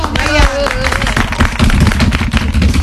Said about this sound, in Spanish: Fuerte el aplauso